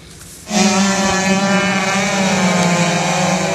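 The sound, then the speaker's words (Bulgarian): A racing powerboat's engine roars in after a brief quiet moment during a national powerboat championship race on the Danube River near Lom, Bulgaria, holding a loud, steady high-revving drone with a buzzing whine, with no talking. “По време на гонка на републиканския шампионат по водомоторен спорт, двама от състезателите се сблъскват с висока скорост.”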